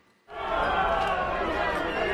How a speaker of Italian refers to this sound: A Galați, sul Danubio, a pochi chilometri dall'Ucraina in guerra, la folla fischia il presidente rumeno Nicuș Ciordan, in visita al condominio colpito da un drone, tra le polemiche interne sulla capacità del paese di reagire alle minacce dal cielo.